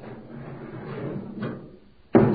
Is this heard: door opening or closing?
yes